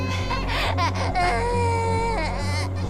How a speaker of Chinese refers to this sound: 你 哦不哭， 转过来， 不哭哭， 你 宝宝，来吃这个。